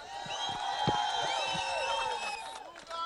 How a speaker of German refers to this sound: Danke, Eisenach. Kann ich nochmal einen ganz fetten Applaus